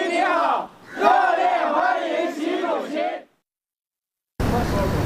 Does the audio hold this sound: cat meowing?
no